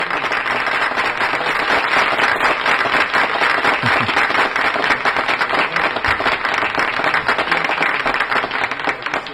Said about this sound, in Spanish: aplauso a ver.